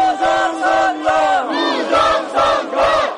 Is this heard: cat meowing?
no